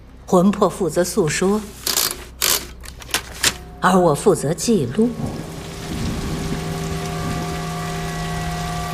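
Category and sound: machine, typewriter typing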